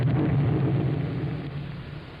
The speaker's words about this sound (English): I wonder what that explosion was. It's the First National Bank. How do you know? The night watchman just flew by.